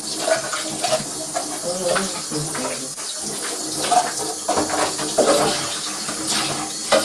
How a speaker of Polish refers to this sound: Opłukujemy go sobie. Dobrze jest go też opłukać, dokładnie tak. Jakbym cię mógł prosić, żebyś zatkała kosz. Dzięki. Opłukujemy pod bieżącą wodą.